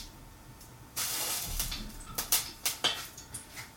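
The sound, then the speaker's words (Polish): A couple of water drops flicked from the fingers into hot olive oil, to test whether it is hot enough, set off a sudden loud sizzling hiss, followed by a run of sharp spitting crackles that pop at an uneven rhythm and slowly fade. “Pryskam sobie leciutką kropelką wody, dosłownie dwiema z palców.”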